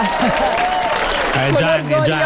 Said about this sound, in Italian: Mi faccio gli applausi da solo? Sì. Bravo.